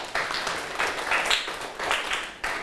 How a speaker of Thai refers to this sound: ถูกต้องนะครับปรบมือให้เพื่อนหน่อยครับ